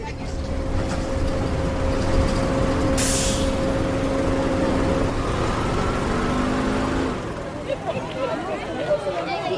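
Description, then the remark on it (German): A bus carrying children after school drones steadily with a short, sharp air brake hiss partway through, then the engine noise drops away near the end, with faint murmuring voices in the background. “alle trafen sich nach der Schule, um gemeinsam mit dem Bus zu Peters Haus zu fahren”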